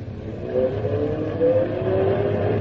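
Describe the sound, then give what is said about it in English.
A car engine revs up and accelerates hard away from an intersection as the traffic lights change, its pitch climbing steadily over a couple of seconds, loud with a constant rumble underneath and no voices. “See? The car's working better now.”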